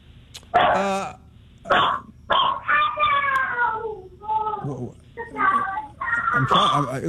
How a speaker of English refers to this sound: I feel like I know a lot about dogs, and I usually know what they want when they're barking like that, but that dog was not happy.